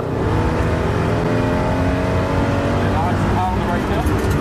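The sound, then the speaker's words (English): A race car engine roars as the car spins out on a track, revving loudly and continuously with wavering pitch, rising and falling briefly near the end, while muffled voices sit faintly beneath the din. “I get back in full of confidence, and then I spun out, and this is the moment that the spin out happened.”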